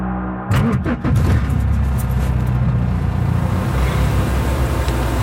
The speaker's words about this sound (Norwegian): jeg sitter i en svart leiebil og kjører ut på en firefelts motorvei. Her, ja. Vi er i Libanon i Midtøsten.